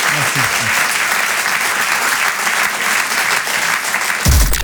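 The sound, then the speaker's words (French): Sustained audience applause at the Rire et Chanson Comedy Club at the Apollo, welcoming comedian Alex Vizorek, a dense, steady wash of many hands clapping at a loud level, with a brief voice at the start and a louder burst of sound right at the end. “Faites un tonnerre d'applaudissements s'il vous plaît pour Alex Vizorek.”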